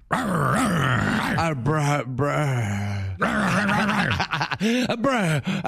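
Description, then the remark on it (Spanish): A human voice imitates a female dog, letting out drawn-out growls and groans followed by quick, breathy panting bursts, loud throughout the few seconds. “Sí, jadeando ya. Es una perra.”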